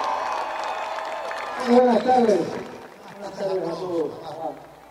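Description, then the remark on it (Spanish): An audience at a festival claps steadily for the music in a dense, continuous patter, with a few voices rising in whoops and cheers partway through before settling back into the applause. “fuerte aplauso para la música de la gente.”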